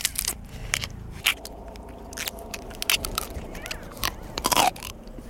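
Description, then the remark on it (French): Crisp crunching as raw leaves of a purple Provence artichoke are bitten and chewed, a series of sharp crackling bites with brief pauses between them, no talking. “C'est croquant, c'est sucré, il y a une légère amertume. Et on arrive même à manger la feuille jusqu'au bout.”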